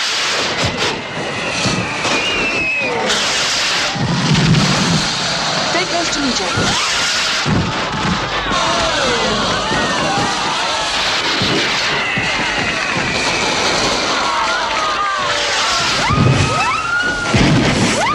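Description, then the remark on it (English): Fireworks burst and crackle overhead in a dense, continuous display, with whistling rockets and several louder booms standing out over a murmuring crowd. “They look up to fireworks.”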